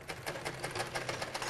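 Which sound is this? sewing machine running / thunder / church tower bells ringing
sewing machine running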